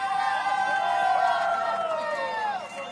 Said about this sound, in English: Again, it has been a very large and very loud crowd here at Carolina Bank Field.